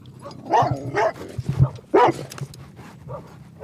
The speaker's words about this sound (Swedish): Nu kom en hund. Blev du lite rädd för hunden? Ja, just den hunden. Han var lite aggressiv.